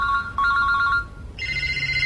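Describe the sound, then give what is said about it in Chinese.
An electronic telephone ringtone trills in steady tones, then shifts to a higher, brighter pitch about two-thirds through, over a low background hum. No one speaks. “电视。 电话。”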